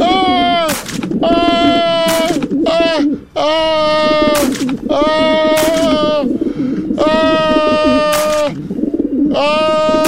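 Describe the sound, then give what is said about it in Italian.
Small pistol gunshots, fired by pigeons at a chef, crack out at irregular intervals, several in about ten seconds, over a loud, continuous run of warbling, bleat-like tonal cries that dominate the mix. “In pochi secondi gli scaricano addosso piccoli colpi di piccole pistole per piccioni che finiscono mortalmente il povero chef.”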